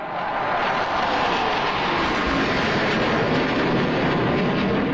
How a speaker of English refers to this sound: F-50 and F-16 fighter planes, though, don't melt in the summer heat and carried out their flypast in the skies over Washington to schedule.